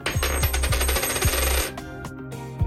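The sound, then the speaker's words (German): A tossed coin clatters and rings on a hard surface, a bright metallic shimmer with a series of quick bouncing taps before it rattles to rest, fairly loud with no voices. “Also werfen wir eine Münze.”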